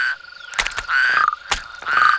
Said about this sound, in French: Regarde, les crapauds sortent de leur cachette pour aller se rafraîchir dans l'eau.